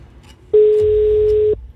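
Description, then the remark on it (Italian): A single telephone ringback tone, the first ring of an outgoing call: one steady, loud, one-second electronic beep at a constant pitch, heard alone with a faint low hum beneath it and no talking. “Conferma. Primo squillo.”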